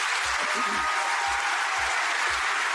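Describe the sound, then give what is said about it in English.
A large audience at an award acceptance claps steadily for two journalists who made the award-winning film, a dense, continuous wash of applause, with faint low thumps pulsing underneath at a regular beat throughout. “So I'd like a round of applause for them, please.”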